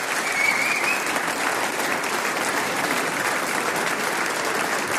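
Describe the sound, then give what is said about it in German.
Steady, dense applause from an audience fills all five seconds, a broad wash of many hands clapping at an even, fairly loud level with no voices rising above it, welcoming a clarinetist onto the stage at the Fuchsbartelbanda's 40th anniversary celebration. “Ein Applaus, lieber Herr Professor, komm auf!”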